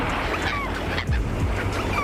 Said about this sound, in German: Die Möwen über euch, der weiße Sandstrand unter euch. Ihr hört das leise Rauschen des Meeres.